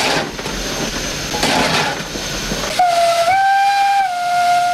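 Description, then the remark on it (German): A steam locomotive hisses with a broad, rushing roar for nearly three seconds, then a loud steady whistle sounds, rising slightly in pitch and holding to the end. No one speaks. “Das Dampfloki fahren ist ganz eine andere Maschine wie ein modernes elektronisches Fahrzeug.”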